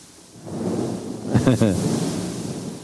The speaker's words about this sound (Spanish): ¿Se imagina usted ese trueno? ¿Ah? Una vez oí ese trueno.